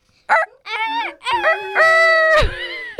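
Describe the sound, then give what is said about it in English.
A person vocally imitates a rooster's crow, a loud, drawn-out series of rising and wavering whoops ending in a long held note that breaks off abruptly. “Friends listening, let's all make a rooster sound together.”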